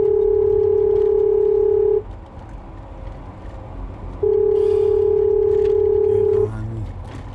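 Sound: telephone ringing tone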